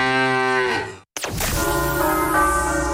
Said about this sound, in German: Finde eine der letzten beiden muhenden Müllermilchflaschen und gewinne 50.000 Euro.